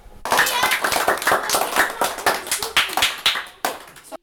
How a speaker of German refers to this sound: Nach diesem wohlverdienten Applaus der Vorstellungen der Kinder von ihren Räumen bzw. Dingen, die sie am Dorner Platz gestalten und bauen würden, hätten sie die Möglichkeit dazu, bedanken wir uns ganz herzlich bei der Volksschulklasse